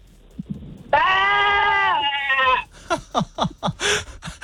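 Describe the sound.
A radio caller from Gundaroo imitates a sheep with one long, wavering, loud baa held for over a second, followed by a few quick syllables of talk.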